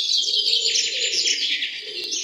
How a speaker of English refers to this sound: I like that little bird song there.